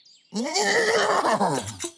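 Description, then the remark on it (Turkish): A horse whinnies loudly, a single long neigh with a shaky, quavering pitch lasting over a second before it tapers off. “Beygiri de kaldırırım.”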